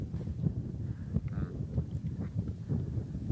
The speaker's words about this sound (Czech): A vidíš ten vítr, kámo? Cítím.